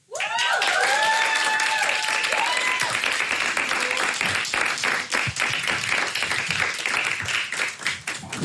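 A crowd breaks into loud, sustained applause with dense clapping throughout, joined at the start by a few whoops and cheers that fade as the clapping continues steadily.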